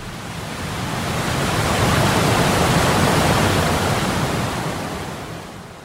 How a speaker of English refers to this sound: On one side of the dam, the water collects in a calm lake. On the other side, water pours quickly through the structure. Some dams look like a very heavy waterfall.